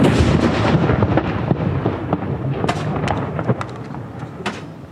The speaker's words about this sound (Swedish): Kyrkklockor och salut. Smällar hör vi från Norge efter att kung Harald den femte avlidit.